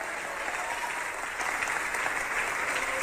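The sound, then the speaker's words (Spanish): A large group applauds to the glory of the Lord, clapping steadily and densely, a continuous wash of applause at moderate volume, swelling slightly halfway through with no voices standing out. “Dele aplauso si usted puede a la gloria del Señor.”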